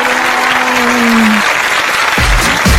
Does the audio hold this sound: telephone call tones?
no